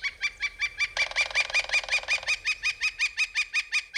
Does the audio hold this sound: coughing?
no